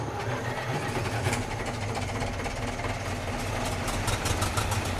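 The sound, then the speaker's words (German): Twelve tractor engines rumble and idle together in an open-air concert, a steady low drone with a dense mechanical throb and occasional faint clicking and rattling on top. No one speaks. “Das war doch nur ein Konzert. Ein hochmodernes Konzert für 12 Traktoren übrigens.”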